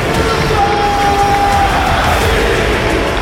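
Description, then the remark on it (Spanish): The football crowd at Mestalla stadium roars steadily and loudly for a few seconds in support of player Diakhaby after his goal, a dense wall of voices, with a thin whistle-like tone briefly rising above the din. “Te pone la piel de gallina realmente oír al estadio como ruge apoyando a un jugador como Diakabi, pero lo has comentado tú, es un jugador muy querido, de verdad.”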